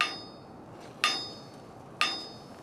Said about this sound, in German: Dafür kommt jetzt dieser Hammer mit diesem langen Stiel zugute. Das ist ein sogenannter Klanghammer. Mit dem können wir hier unten gegen dieses Rad schlagen.